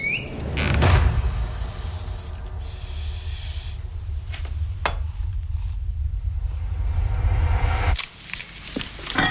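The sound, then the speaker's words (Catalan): Household kitchen, doorbell and door sounds from the film Jeanne Dielman, 23 Quai du Commerce: a door creaks and clunks over a steady low rumble, with scattered clicks and clatters like kitchen activity, and a sharp thump near the end. No one speaks. “Aquest soroll una mica de cuina, de timbre, de casa, de porta, perquè estem parlant de Jean Dillman, en 23 Quai du Commerce, si vols ho dir en francès, però t'ho diré malament.”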